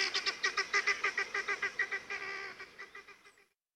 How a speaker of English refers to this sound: Helmeted guinea fowl are easily domesticated, but they'll always remain flighty, squawky, birds in a panic.